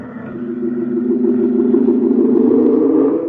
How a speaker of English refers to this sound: And the truck drives off.